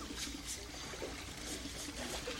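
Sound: water trickling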